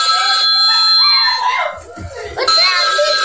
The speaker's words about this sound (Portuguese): Criança gritando, pra esposa.